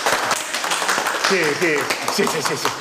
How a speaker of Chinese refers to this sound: 今天利用这个机会啊，咱们热烈的掌声表示欢迎。